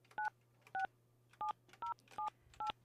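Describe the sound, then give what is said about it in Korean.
Six short, evenly spaced telephone keypad tones beep in a steady rhythm, each a clear two-pitched dialing beep, over a faint low hum with no voices, as a Far East Broadcasting (극동방송) radio host dials a listener. “자, 이분 한번 또 전화 연결 한번 해 보겠습니다.”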